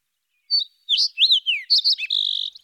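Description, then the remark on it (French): A sparrow chirps in quick bright bursts, a short series of high tweets and trills ending in a buzzy sustained note, clear with no other sounds. “car oui, cet opéra est dans le bec d'un moineau.”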